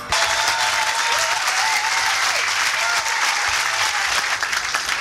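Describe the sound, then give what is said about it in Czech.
A large audience applauds steadily and loudly for several seconds, a dense wash of clapping filling a packed pub tent on the battlefield grounds in Trutnov in August 2008, without letting up. “Já vám děkuji za váš potlesk”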